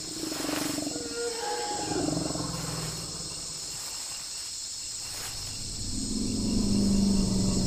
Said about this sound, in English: The elephants are here, but they're behaving strangely.